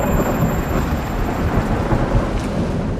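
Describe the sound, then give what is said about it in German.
Deep, rolling thunder from a lightning strike rumbles steadily for the whole stretch, loud, with a wash of heavy rain hissing underneath and no voices. “Und wieso donnert es dabei?”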